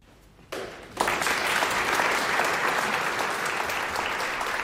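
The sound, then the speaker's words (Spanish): Applause from a concert audience after a live performance of Hochwald, a work by Georg Friedrich Haas, starts with a few scattered claps, then swells within a second into loud, sustained, dense clapping that holds steady to the end. “Pues por fin hemos escuchado aplausos.”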